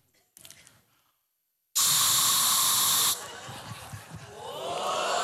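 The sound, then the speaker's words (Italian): A voice imitates an aerosol spray can: a faint brief hiss, a pause, then a loud, steady spraying hiss lasting over a second, trailing off into softer breathy noise. “Poi so fare la bomboletta spray.”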